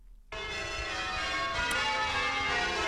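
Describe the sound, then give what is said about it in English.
Church bells of St. Paul's Anglican Church in Maryborough, Queensland, ring out in a full, overlapping peal, starting abruptly and sustaining loud, bright, shimmering tones with dense harmonic ringing and no voices. “the 50th anniversary of the first peal of bells in Queensland at St. Paul's Anglican Church in Maryborough.”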